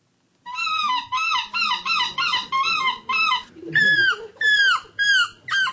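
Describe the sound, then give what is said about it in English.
People imitating seagull screeches in a screeching competition: about ten loud, high, wailing calls in a steady rhythm, each rising then bending down, with no other talk. “It sounds like a seagull, but it's not a seagull.”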